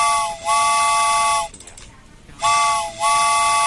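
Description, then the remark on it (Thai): Loud train whistle sound effect blasts with a steamy, chord-like tone: a short toot, a long sustained blow, a brief hissing pause, then another long blast. “เอาล่ะคุณผู้ฟังค่ะตอนนี้ถ้าเกิดว่าพร้อมแล้วนะคะรถไฟมารับคุณผู้ฟังแล้วค่ะ”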